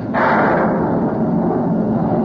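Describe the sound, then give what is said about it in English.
A sudden loud burst of thunder from a thunderstorm under dark, dreary clouds breaks in and rolls on as a steady, heavy rumble with a hissing edge, filling the whole stretch without fading. “Dark, dreary clouds. Followed by loud bursts of thunder. Listen.”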